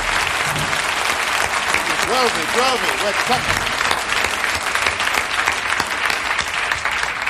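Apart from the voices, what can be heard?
audience applause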